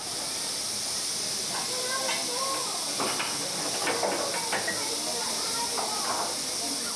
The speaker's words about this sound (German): Beispielsweise eine kleine Dampflok, die hier in York ein Gastspiel gibt. Eigentlich ist sie im Birmingham Railway Museum beheimatet. Sie hört auf den Namen Planet und wurde in den allerersten Jahren der englischen Eisenbahn gebaut.